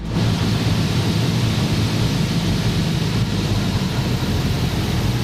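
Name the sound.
airplane engine noise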